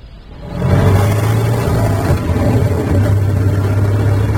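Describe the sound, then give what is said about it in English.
A car engine starts up loud, then runs with a steady low drone and a rough rumble, briefly easing off midway before settling back into its even hum. The car has chains on its tires and is driving on a slippery, snowy road. No one speaks. “It's a bit slippery, I'm afraid. Car tends to slide about, even with the chains.”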